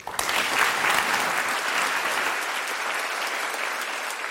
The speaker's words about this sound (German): Wir wünschen allen noch einen schönen Abend und bedanken uns vor allem bei den Expertinnen und Experten auf dem Podium hier. Danke, dass Sie Ihre Einsicht mit uns geteilt haben. Das ist Ihr Applaus.